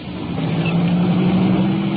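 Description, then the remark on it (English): A police car's engine revs as it takes off, rolling out in second gear, a loud, steady low drone with a humming tone that holds for about two seconds, with no voices. “Taking off now. Rolling out second gear.”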